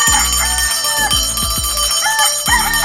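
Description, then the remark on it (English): A rooster, Roosty, the radio show's in-house chicken, crows in short bursts over a loud, produced electronic backing of repeated deep bass thumps, like a bright alarm jingle. No one speaks. “Our in-house chicken.”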